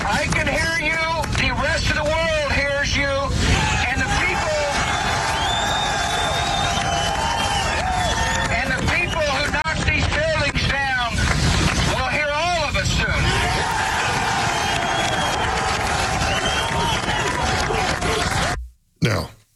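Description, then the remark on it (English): A loud crowd of rescue workers, men and women standing on the pile, cheering and shouting around a bullhorn, with overlapping voices rising in waves over a constant rumbling din, the roar holding steady before cutting off abruptly. “The rescue workers cheering around that bullhorn, the men and women standing on the pile,”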